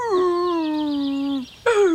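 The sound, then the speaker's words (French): A young wolf whimpers in two drawn-out, high whining cries, the first long and slowly falling, the second shorter and starting higher, clear with no talking. “Attachant, hein, ce jeune loup.”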